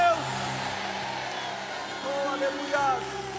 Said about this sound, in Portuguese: Quantos acreditam nisso? Liberem um grito de glória a Deus.